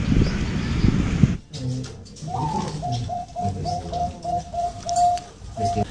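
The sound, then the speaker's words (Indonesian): A zebra dove (perkutut) from a bird-breeding farm in Desa Tuleng, Torjun, Sampang, Madura, coos in a steady run of short, rhythmic, whistle-like notes, following a brief burst of noisy rumble at the start. “Ring Abobil Beet Farm, peternakan perkutut asal Desa Tulang kini sukses mengharumkan Madura di kancah internasional.”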